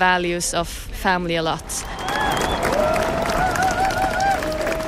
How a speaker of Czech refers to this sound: Jenom dozněl potlesk a dav se rychle rozpouští.